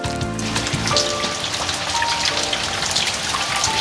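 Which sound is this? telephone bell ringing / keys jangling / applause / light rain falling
light rain falling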